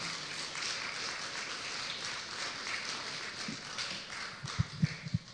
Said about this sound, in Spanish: Un aplauso por favor al Señor Jesús.